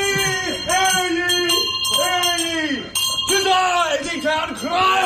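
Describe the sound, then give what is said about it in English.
A loud bell rings insistently for several seconds in the foyer of a building at 5 in the morning to announce an arrival, its bright metallic tones sustained, mingled with wavering vocal sounds and a goofy laugh that rise and fall over the ringing. “The bell was very loud.”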